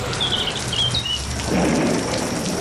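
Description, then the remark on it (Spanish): Steady hiss of heavy rain with a low thunder rumble swelling in partway through, while a few high bird chirps ring out over the downpour early on, in the opening jingle of a weather report. No one speaks. “Pues de esta cabecera quitamos las tormentas, nos quedamos con el sonido de los pajarillos.”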